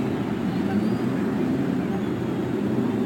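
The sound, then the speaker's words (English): A dense, steady roar of many race car engines being started along the main stretch before a race with over 300,000 fans, idling and revving together, loud and continuous without a break, with a low rumbling drone filling the whole stretch. “To the cares of over 300,000 fans, the engines are started along the main stretch.”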